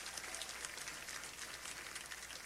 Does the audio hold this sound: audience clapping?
yes